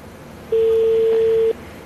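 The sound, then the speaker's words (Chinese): A single steady ringback tone of an outgoing call to a mobile phone, placed live to the former head of the owners' committee of Xiangmao Garden estate in Suzhou Industrial Park, sounds for about one second, then stops; the call rings without being answered, with faint background hiss and no voices. “是手机但是我们现在目前还电话还未接通我们就是想跟他核实一下”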